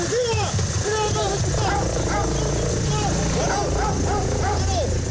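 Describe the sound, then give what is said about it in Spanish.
Several Ertzaintza police dogs bark and yip in quick, uneven bursts throughout, loud, over a steady background din with people talking, during a police exhibition recreating arrests and anti-explosives operations with agents, dogs and helicopters. “Un despliegue de medios recreando incluso detenciones o actuaciones contra explosivos con agentes, perros y helicópteros.”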